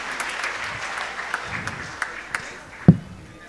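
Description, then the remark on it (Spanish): A church audience applauds steadily for someone's 23rd birthday, many hands clapping in a dense, even wash of sound, with one sharp louder clap or thump standing out near the end. “Aplausos, hermanos.”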